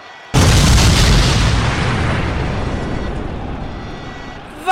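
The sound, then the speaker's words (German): A single loud hand grenade explosion bursts in with a sharp boom, then a long rumbling roar slowly fades away over several seconds, with no voices present. “Was hat er da fallen lassen? Eine Handgranate?”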